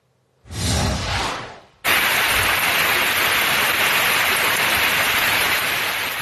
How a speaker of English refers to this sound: Got some rain out of Brick, New Jersey from a couple of days ago.